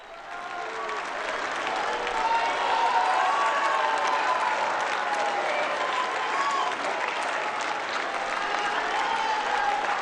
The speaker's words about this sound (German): Der Applaus für Papst Leo ist groß. Wir sehen ihn hier auf einem der Balkone an der Fassade von Notre Dame.